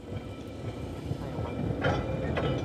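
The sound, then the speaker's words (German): A 19th-century electric tram of the Manx Electric Railway rolls along its rails across the island with a steady low rumble and rhythmic clatter, growing slightly louder as two brief hissy bursts of wheel noise rise near the end. “Seit 133 Jahren fährt von hier aus die elektrische Straßenbahn über die Insel.”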